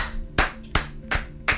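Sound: clapping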